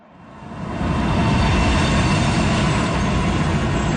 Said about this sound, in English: An LRT train screeches to a halt, delivering passengers to Ottawa's Parliament Station. It was a problem-free commute on this day, which mayoral candidates are pledging to make happen more frequently.